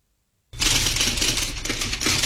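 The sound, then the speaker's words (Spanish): Rapid typewriter typing starts abruptly after a brief silence, a dense, continuous clatter of keystrokes, loud, with no voices. “Sí, justo me agarro una máquina de escribir y te voy a decir una frasecita.”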